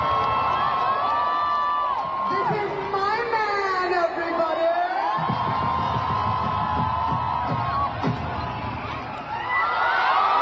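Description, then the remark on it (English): A large concert crowd at a live concert in Delhi roars and cheers continuously as the singer on stage holds up her engagement ring, with high-pitched screams and whoops rising above a dense, loud wall of voices for the whole stretch. “held up her engagement ring as the crowd erupted into deafening cheers.”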